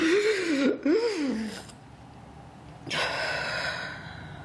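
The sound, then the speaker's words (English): A voice acts out a loon surfacing near a log after a long dive, desperately gasping for air: a strained, wavering vocal gasp, a brief pause, then a long rushing breath, fairly loud with no words. “Loon surfaced near the log, gasping for air.”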